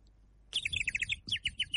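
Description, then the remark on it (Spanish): A person whistles an imitation of bird chirping: two quick bursts of rapid, high trilling chirps separated by a brief pause, clear with no talking. “Si podés hacerme el pajarito”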